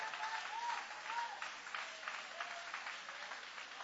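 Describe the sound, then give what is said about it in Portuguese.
An audience applauds steadily, a dense wash of many hands clapping at a fairly even level with slight swells, and no clear speech over it. “Pode aplaudir, pode adorar, pode exaltar.”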